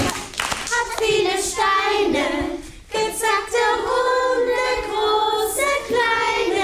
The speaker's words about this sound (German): Die Kinder sind mit Begeisterung dabei, singen, klatschen und machen die Bewegungen mit.